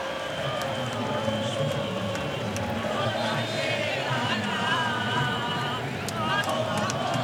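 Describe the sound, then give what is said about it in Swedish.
A large crowd of Argentine football supporters in Kansas sings and cheers late at night during extra time of Argentina versus Switzerland, many voices blending into a steady, loud roar with wavering chant-like melodies rising over it throughout. “Argentinska supportrar, ja, sjunga och jubla.”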